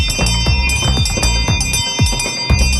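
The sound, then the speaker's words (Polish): A small bell on a reconstructed alarm belfry rings repeatedly in a steady, fairly quick rhythm, each bright metallic strike leaving a clear ringing tone. It is loud, with no talking. “Ja zrobiłem taką rekonstrukcję z dzwoneczkiem ładnym.”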